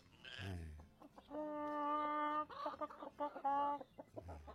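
A rooster crows loud, one long drawn-out cock-a-doodle-doo with a sustained middle note, surrounded by shorter clucking calls before and after.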